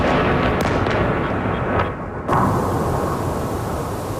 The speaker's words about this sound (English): Explosions in Kyiv, where officials say at least four people died. Ukraine's military says Russia fired more than 70 missiles and 650 drones. Kyiv and Dnipro were the main targets.